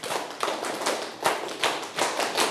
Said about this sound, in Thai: และข้อสุดท้ายทั้งหมดปรบมือ10ครั้ง